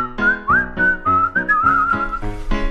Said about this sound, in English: Oh! Looks like our whistling accidentally summoned the Prince of Darkness.